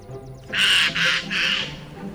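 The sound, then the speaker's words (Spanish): Three harsh, raspy squawks from a jay in quick succession, loud, each a short burst of rough noise with brief gaps between, with faint chirps just before. “Un arrendajo.”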